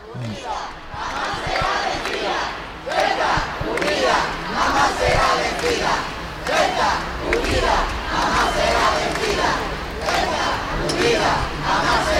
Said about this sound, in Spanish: Buenas tardes, pues estamos en... casi no cabe un alfiler, tampoco en los 300 metros de la Gran Vía de Ceuta. Escuchen ya el griterío en esta visita real, la primera que hacen